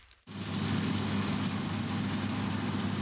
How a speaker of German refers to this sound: Die Mähdrescher und Traktoren haben sich schon über trockenen Boden und durch staubige Luft gearbeitet. Etwa ab Juni starten die Landwirte mit den Maschinen auf den Feldern.